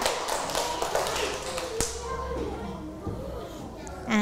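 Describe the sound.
A classroom of children claps for a student: a dense burst of many hands clapping at once, strongest at first and then fading, with children's voices mixed in under the applause.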